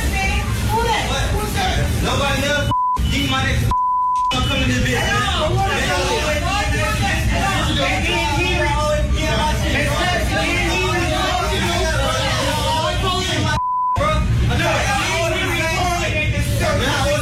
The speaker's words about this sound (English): Based upon the beeps and the amount of people in that facility, that's Popeyes.